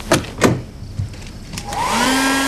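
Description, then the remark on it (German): A few soft knocks and handling sounds, then a hair dryer switches on in a bathroom, its motor whining up to a steady, loud blowing roar that continues to the end as it is used to dry off. “Dort nahm ich mir den Föhn und trocknete meinen Fischschwanz.”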